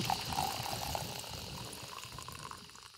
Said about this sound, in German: Oh, also unsere Super-Luxus-Kaffeemaschine übergießt jetzt mit kochend heißem Wasser die frisch gemahlenen Kaffeebohnen.